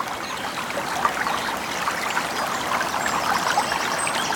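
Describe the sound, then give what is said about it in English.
A gentle stream burbles steadily, its soft trickling and bubbling water holding an even, continuous wash with small splashy flickers, moderately quiet. “Leads me beside peaceful streams.”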